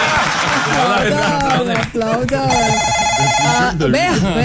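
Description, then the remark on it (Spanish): A telephone with no caller ID rings at 4:43 in the afternoon in a studio booth, a single steady, bright electronic burst lasting about a second, heard over people talking loudly throughout. “¿Quién llama a las 4 de la tarde, 43 minutos? Y no hay identificador.”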